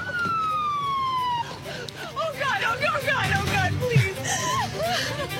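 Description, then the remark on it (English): An ambulance siren wails on a steady falling tone for a moment as the ambulance arrives at Cedars-Sinai Medical Center, then cuts out, leaving a busy wash of overlapping voices and chattering sounds. “Okay, so you see Cedars-Sinai Medical Center, and here's the ambulance, and they're bringing her in.”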